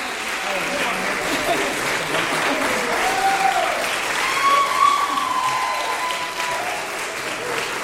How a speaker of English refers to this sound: And lots of applause for all seven musicians on stage. And that concludes the piano honors recital.